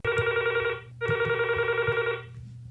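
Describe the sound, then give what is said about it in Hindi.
A telephone rings for an incoming call to a radio phone-in programme on Akashvani, two loud electronic trill bursts separated by a brief gap, with a faint low hum underneath and no talking. “हमें आपके फोन्स का है इंतज़ार और कीजिए हमसे ढेर सारी बातें”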